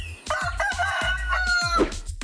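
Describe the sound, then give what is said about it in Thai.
A rooster crows a single loud, drawn-out cock-a-doodle-doo, its strained harmonic call rising and then trailing off, with a faint low rumble in the background. “ส่วนไก่ไม่ชอบน้ำเลยมันว่ายน้ำไม่เป็นและมันมักจะใช้เท้าของมันเดินคุ้ยเขี่ยหาอาหารกินตามพื้นดินและมีเสียงขันที่ทรงพลัง”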